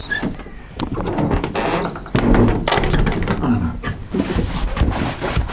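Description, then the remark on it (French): A heavy fake armored door, made entirely of scrap iron with a piece of an old hatch, creaks and squeals on its hinges, then shuts with a dull clunk and a few metallic thumps, with faint background noise. “C'est une fausse porte blindée, hein. Elle est très impressionnante parce qu'elle est toute en ferraille, mais voilà, elle est assez simple en fait.”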